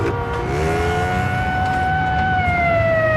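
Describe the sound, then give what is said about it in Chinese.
A police siren wails steadily in the street, its long rising tone holding high over a low rumble of traffic, continuous with no voices. “大街上不断有警笛声传来”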